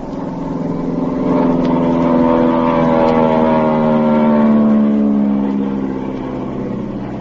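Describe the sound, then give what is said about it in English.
A steady, droning propeller engine of a low-flying plane roars past over a boat on the ocean, swelling louder as it comes overhead and then easing off slightly as it moves on, its pitch gently sliding. No voices are heard. “I'm going to fly over them.”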